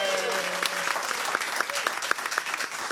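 A crowd applauds steadily, dense clapping filling the room at moderate loudness, with a few sharper individual claps standing out near the front and no talking over it.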